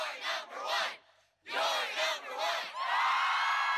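A loud crowd cheers, shouting in rhythmic bursts that break for a brief pause, then swell into a sustained, continuous roar of many voices.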